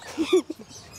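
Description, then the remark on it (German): An Amazon parrot gives a quick run of raspy, nasal calls, two louder syllables followed by softer chattering notes, brief. “Amazonenpapageien leben in den Tropen Mittel- und Südamerikas.”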